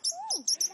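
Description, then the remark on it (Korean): A single sparrow perched overhead chirps in a quick run of bright, high notes, three or four sharp chirps over a lower sliding whistle, with no voices. “두두 머리 위에 참새 한 마리가 앉았다!”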